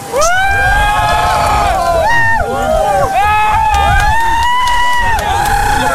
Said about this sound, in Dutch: Je hoort de mensen juichen.